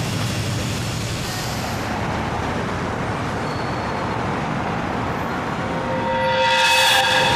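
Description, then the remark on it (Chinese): A train rumbles steadily along the rails with a dense, continuous roar, and near the end a high tonal whistle-like sound rises over the noise. No one speaks. “我们检查了火车的包厢，这里的挡板都是一条一条拼接成的”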